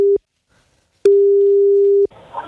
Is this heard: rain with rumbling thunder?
no